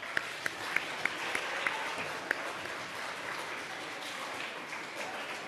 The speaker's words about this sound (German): 2, 3, 4, 5. Und auch für die fünf einen heftigen Applaus.